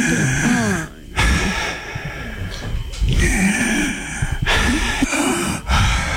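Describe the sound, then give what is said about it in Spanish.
A voice imitates heavy breathing through the mouth, with several loud, rasping inhales and exhales, the exhales also through the mouth rather than the nose, in a slow, uneven rhythm, alone without talk. “Pero era una respiración por la boca. Y la exhalación también era por la boca, o sea, no era nariz, uno lo sabe.”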